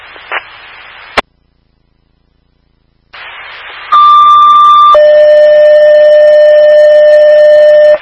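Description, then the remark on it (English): A fire alarm tone comes through over fire department dispatch radio static during radio testing: a short burst of hiss and a click, a pause of silence, then a steady beep rising into a loud, sustained multi-pitch alert tone. “Receive fire alarm. Loud and clear.”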